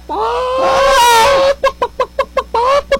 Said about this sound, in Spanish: Oye, profe, ¿eso es qué? Chicken. ¿Pero qué quiere decir eso? Pues gallina, ¿no? Cacarear el huevo. Cacarear el huevo.